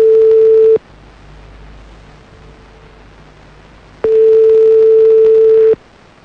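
A phone line ringback tone while calling a mobile phone: a steady, mid-pitched electronic hum sounds briefly, falls silent for about three seconds, then returns for a second and a half. No one speaks.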